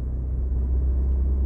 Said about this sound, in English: Emissions regulations, etc., are so stringent now that getting a car to sound good is really, really difficult now. And I have to say, Volkswagen have definitely not made this car sound like a proper Golf R.